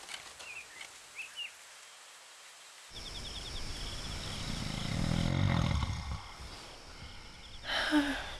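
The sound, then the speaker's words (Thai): Night quiet with faint chirps gives way to one loud, rasping snore from an old man, a grandfather, swelling up and then trailing off, followed by a brief snort. “นอนไม่หลับเลยลูกปู่กรนเสียงดังใช่ไหมล่ะ”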